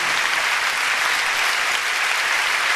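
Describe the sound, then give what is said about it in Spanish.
An audience applauds the Lord for his presence, a dense, even wash of many hands clapping at once with no pauses, fairly loud throughout and no voices standing out. “Cuando le dan un aplauso al Señor por esa presencia.”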